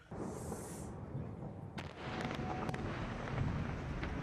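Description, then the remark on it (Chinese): A steady, heavy rumble of continuous explosions in southern Lebanon during Israeli airstrikes on 20 June rolls on without pause, with a few sharper cracking blasts standing out over the continuous low roar. “6月20日，黎巴嫩南部持续响起爆炸声，以色列再次对黎巴嫩发动空袭，并配合地面部队推进。”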